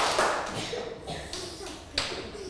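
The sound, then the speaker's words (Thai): A few scattered hand claps ring out at uneven intervals, sharp but fairly soft, over a low murmur of voices in the background, as a class claps once, twice and three times on a teacher's cue. “ปรบมือ1ครั้ง2ครั้ง3ครั้ง”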